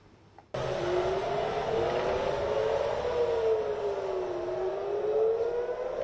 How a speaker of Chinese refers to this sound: 8号清晨，以色列特拉维夫响起警报，以色列国防军称监测到一枚从也门射向以色列的导弹，导弹随后被拦截。